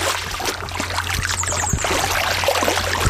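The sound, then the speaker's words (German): Continuous splashing and trickling water as someone wades through the shallow Murbach stream in the Sinneswald, with irregular sloshes from each step over a steady babble, fairly loud. “ich höre das doch schon wieder plätschern. Bist du immer noch im Wasser?”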